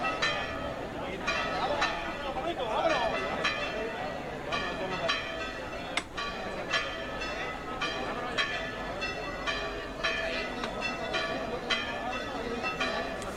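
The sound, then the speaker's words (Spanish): Church bells peal repeatedly in a steady ringing pattern over a dense background of crowd babble and murmuring voices. “Y siguen redoblando las campanas.”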